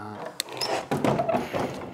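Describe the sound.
A heavy wooden door opens with a sharp thunk of the latch, followed by drawn-out, squeaky creaks of the hinges, with faint voices in the background.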